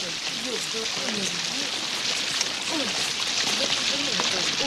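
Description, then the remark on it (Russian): Steady, hissing rain falls continuously, with muffled, indistinct voices faintly audible beneath the downpour. “Самый дождь, телефон сейчас промок, принесем.”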